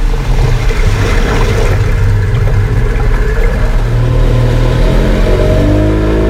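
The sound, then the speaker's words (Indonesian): A boat engine rumbles loud and close throughout as the boat approaches, a steady low droning motor whose pitch climbs as it revs up near the end, with no voices. “Perahu sudah dekat.”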